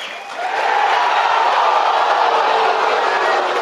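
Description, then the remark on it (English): A huge stadium crowd roars after a two-run home run, a dense, sustained wall of cheering that swells within the first half second and stays loud and steady throughout, with no voices standing out. “I'm not even going to say it. I'm just going to let the crowd do it. Crowd speak.”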